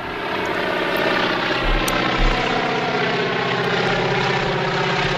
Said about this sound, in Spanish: Como puedes escuchar, escuchamos un avión. Es un avión. De es motores, un avión antiguo. Sí, sí, sí. Que va volando.